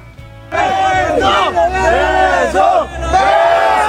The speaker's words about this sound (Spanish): ¡Sí! ¡Lo abre! ¡Lo logra! ¡Y hay porra!